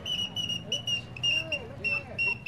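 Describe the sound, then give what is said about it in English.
A shrill, steady warbling whistle repeats in several short bursts as a genuine all-metal toy whistling bird is blown, heard over a murmur of background chatter. “That's right, genuine all-metal whistling birds to delight the kiddies' hearts and make their eyes dance.”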